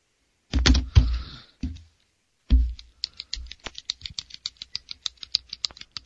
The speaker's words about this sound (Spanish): Que estoy escuchando lo que siempre haces con el bolígrafo.